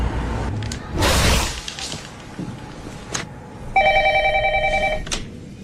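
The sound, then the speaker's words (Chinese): An electronic phone ring tone sounds near the end, a steady warbling ring lasting about a second and a half, preceded by rustling and a brief noisy clatter, as a captive young man is made to phone his father. “来吧，小公子，给你的爹地打个电话。”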